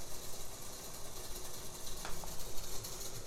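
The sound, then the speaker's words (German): A dense, continuous clatter of accordion keys and valves from both hands, a busy mechanical rattling texture with rapid overlapping clicks and no voices. “Das ist jetzt hier dieser Tastenklapperteppich, ein Tutti-Tastenklapperteppich der linken und rechten Hand.”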